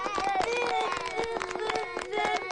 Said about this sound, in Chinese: 你们好，我是你们的新老师，我想认识你们，你们看懂的就拍拍手。